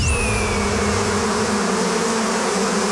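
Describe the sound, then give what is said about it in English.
A dense, loud swarm of European wasps from a giant hive that fell from the top of a tree, buzzing continuously in a thick droning hum with a few individual insects whining past, steady throughout with no voices. “But as I smacked the tree, what I didn't realize is that what was hanging at the top of the tree was a giant hive of European wasps.”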